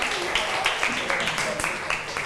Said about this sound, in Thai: ขอบคุณกลุ่ม5ค่ะขอเสียงปรบมือให้ทั้ง2กลุ่มค่ะ